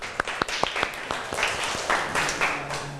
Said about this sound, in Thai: ก่อนอื่นปรบมือเพื่อนหน่อยเร็ว